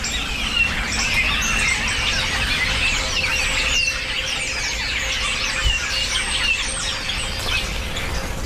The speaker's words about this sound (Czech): No, to je nějaký hejno, oni se teď dávají do těch hejn a těší se na třešně, které ale nejsou. Tak chodí hodně po pastvinách a sbírají hmyz, tady, co je kolem krav.